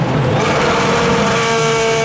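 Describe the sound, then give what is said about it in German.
A loud, continuous race car engine sound effect, the BB Radio DTM ticket sound for the DTM races at the Lausitzring, roars for about two seconds, its steady buzzing harmonics holding a high pitch and rising slightly near the end, with no talking. “Achtet im Programm auf den DTM-Ticket-Sound.”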